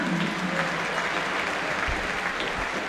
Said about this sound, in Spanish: Con el número 15, Fausto Vera. Tímidos aplausos para Vera.